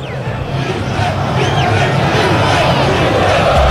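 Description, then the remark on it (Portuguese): About 2,000 Internacional (Inter) football supporters chant at the Arena Corinthians stadium, a loud, dense wall of massed voices that holds steady throughout, filling the space with continuous roaring sound. “Esse é o grito, Inter, gritam os 2.000 colorados que estão aqui na Arena Corinthians”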